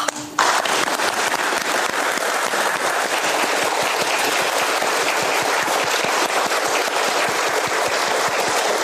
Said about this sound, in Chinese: 其实我们为什么鼓掌呢？就是大家经过一个大修就很开心。最开心的就是这个最重要的这个并网的这个环节啊。